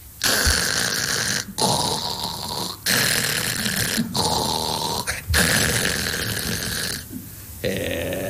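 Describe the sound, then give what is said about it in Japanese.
A man's voice imitates loud snoring as a young tanuki that has just said good night: four long, rasping snores in a steady rhythm, each about a second long with brief breathing pauses between them. They are loud, with no other talk. “今おやすみなさいって言ったと思ったら、もういびきかいて寝てるかと思ったら、目開いて寝てんのか。”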